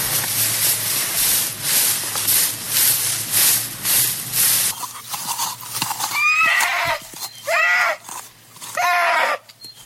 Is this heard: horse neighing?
yes